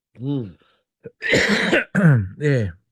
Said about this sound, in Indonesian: Ini batuk bana ni. Batuk bana ni. Bukan ni main-main.